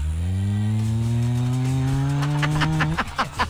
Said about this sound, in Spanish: Efecto de moto.